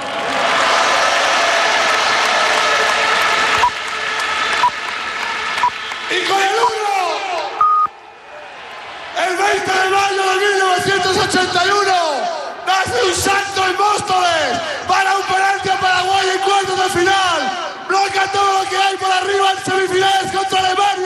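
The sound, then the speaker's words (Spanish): A loud crowd applauds and cheers without a break, clapping merging into a steady wash while many voices shout and whoop with rising, wavering yells that carry through the whole stretch. “Un aplauso para ellos.”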